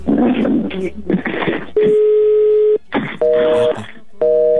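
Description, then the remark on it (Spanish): A call to Ivette's phone rings out with steady electronic ringback tones, three long beeps with pauses, and nobody picks up. People talk in the gaps between rings. “No nos contesta. A lo mejor ya se durmió”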